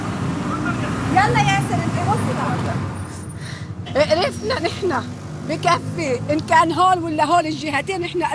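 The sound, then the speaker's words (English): A steady low rumble of many vehicles (cars, trucks, some motorcycles) idling and creeping along a main highway leading from the south, choked with traffic, with people talking over the continuous traffic noise. “This is one of the main highways leading from the south, and it's just choked with vehicles.”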